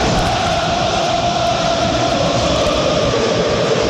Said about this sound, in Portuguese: A galera tricolor fazendo a festa aqui no Maraca. Vamos ouvir a festa do Flu aqui nas arquibancadas.